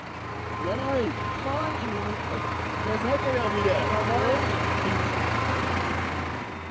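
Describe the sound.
A steady low engine drone runs throughout, like a tractor chugging along, with indistinct voices talking over it. It is a four-wheel-drive, 145-horsepower tractor with air conditioning, towing a caravan to its pitch at a campsite.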